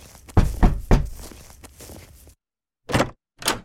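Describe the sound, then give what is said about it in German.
Solid knocks on the wooden door of a farmhouse on a very cold day with frozen ground: three quick thuds, a pause, then two more firm raps, with no voices. “Dann klopfte er beherzt gegen die Tür des Wohnhauses.”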